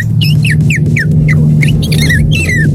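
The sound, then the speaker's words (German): A 12-year-old boy imitates a swallow's call: a quick series of high, twittering chirps and sliding whistles in rapid succession, over a steady low hum. “Wahnsinn, die Schwalbe.”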